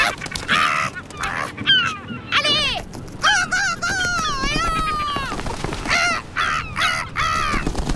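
A large gull calls loudly and repeatedly as it spreads its wings, which span well over a metre. Its harsh wailing cries rise and fall in a series of long and short squawks, continuous over the whole stretch.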